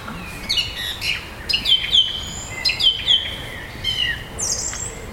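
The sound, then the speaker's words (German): A thrush sings, a run of clear, varied whistled phrases and quick trills repeating every second or so over a soft background hiss, with no voices. “Genau, es ist nämlich eine Drossel. Ich finde auch von der Stimme her klingt das erstmal sehr ähnlich wie eine Amsel.”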